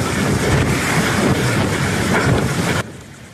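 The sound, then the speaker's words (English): Ocean surf at a beach in Boca Raton, Florida, where a small plane has crashed into the ocean, fills the scene with a loud, steady rushing wash, broad with some wind-like roughness, before cutting off abruptly near the end. No one speaks. “Beachgoers stunned today as a small plane crashed into the ocean next to a beach in Boca Raton, Florida.”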